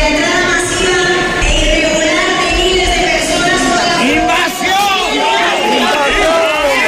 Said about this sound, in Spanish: Cientos de personas interrumpían así el manifiesto que leía la alcaldesa del Partido Popular al grito de invasión. Es un grito, un cántico que se ha repetido en buena parte del país.